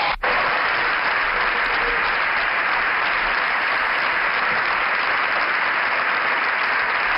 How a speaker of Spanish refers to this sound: Se levanta la bancada popular para aplaudir esta intervención de Alberto Núñez Feijóo, que ha terminado asegurando que él se va a encargar de acabar con todo esto.